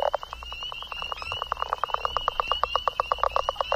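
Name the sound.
frog calling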